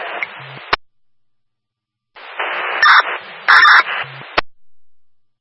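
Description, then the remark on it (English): A portable radio emits a harsh, buzzy man-down emergency alert tone amid crackling static as the first man-down alert is tested during a radio check, with two separate transmissions each ending in a sharp squelch click and a short pause between them. “Now go ahead and set your portable radios. You can proceed with your first man down.”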